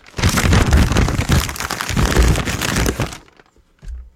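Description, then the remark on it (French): Dense, crackling rustle of a blank white sheet of paper held in a man's hands, handled and crumpled, imitated in homemade foley style, running steadily for about three seconds before stopping, followed by a brief soft low thump. “Et le meilleur que j'ai développé, c'est celui de l'homme qui a une feuille de papier blanche entre les mains.”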